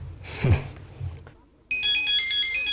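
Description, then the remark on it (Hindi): A telephone rings at night, suddenly starting with a loud, bright electronic ringtone that holds steady. Before it, a faint voice murmurs briefly. “अरे रात को कोई बिना वजह फोन नहीं करता, खासतौर पर अच्छे लोग सनसनीखेज माहौल पैदा करने से गुरेज करते हैं।”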